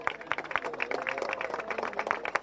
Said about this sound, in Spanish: Se escuchan los aplausos de todos los beneficiarios.